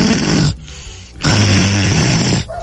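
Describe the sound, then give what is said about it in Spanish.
Two loud, raspy snores made by a human voice imitating snoring, a short one followed by a longer drawn-out one after a brief pause. “No está roncando, el muerto está durmiendo.”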